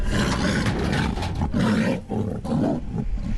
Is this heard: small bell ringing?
no